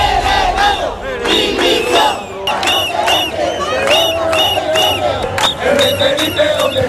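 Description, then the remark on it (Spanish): A large crowd of Ceuta residents protesting in the streets chants and shouts in rhythmic bursts, with cries of 'invasores' and 'expulsión', many voices rising together in loud, repeated cries with a steady murmur of noise underneath. “Al grito, además de invasores, expulsión, algunos de los participantes en la protesta han acudido a la playa del Trampolín y se han enfrentado con los migrantes que están allí instalados.”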